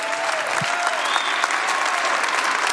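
A crowd applauds steadily for a woman's yes and self-giving during a community time, a dense, even wash of many hands clapping at a loud, sustained level for a few seconds, with no speech over it.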